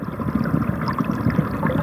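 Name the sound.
flowing river water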